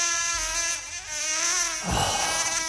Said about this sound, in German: So, eine nervige Mücke, klar.